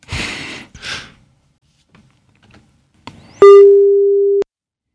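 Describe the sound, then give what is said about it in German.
A studio telephone's ringing tone, from a call placed to reach a guest live, sounds once as a loud, steady, mid-pitched beep lasting about a second, preceded by a few breathy sighs and faint rustles. “Immerhin klingelt es.”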